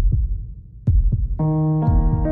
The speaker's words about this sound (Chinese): 你有几耐冇好好听自己嘅心跳啦？